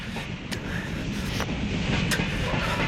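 A steady, heavy low rumble of a train bound almost to Detroit rolling along the tracks, with a few sharp clacks at irregular intervals, constant in loudness throughout.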